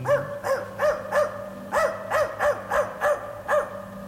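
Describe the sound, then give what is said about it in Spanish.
A dog wearing cardboard horns barks repeatedly, about a dozen short, evenly spaced yaps over a few seconds, clear, with a steady low hum underneath and no talking. “que saquen al perro con cuernos de cartón.”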